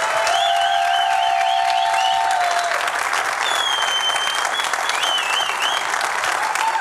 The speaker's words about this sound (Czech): pojďme prosím úplně všichni, kdo jste sem za námi přišli, a koukám, že vás je docela dost, velkým potleskem přivítat běžkyni na lyžích a biatlonistku, trojnásobnou stříbrnou medailistku z paralympijských her v Miláně a Cortině Simonu Bubeničkovou.